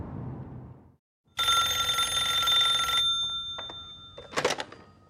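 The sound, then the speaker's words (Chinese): A call is placed from the gatehouse at the main gate to Jishantang. The telephone rings with one loud, trilling bell burst lasting over a second, followed by a few quieter clicks and a brief rattle. A low rumble precedes it, and no one speaks. “到大门口停一下，我去传达室打个电话。”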